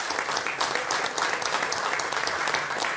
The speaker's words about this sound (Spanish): Vino a saludarme hoy y quiero que todos ustedes me den un aplauso porque ya está haciendo camino.